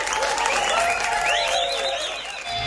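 Steady audience applause at the 8th Etnospor Culture Festival fills the whole stretch, dense clapping with a few whistles and cheers riding over it, fairly loud, with no talking.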